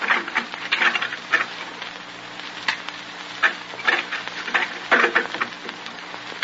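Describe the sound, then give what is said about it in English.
A steady, soft crackle of light drizzle pattering down on a muddy street, with scattered louder drips breaking through a continuous hiss. No voices, just the even drizzle throughout. “draws his threadbare jacket tightly about him as if to protect himself from the penetrating drizzle, then crosses the muddy street and unlocks the two heavy padlocks on his laundry door.”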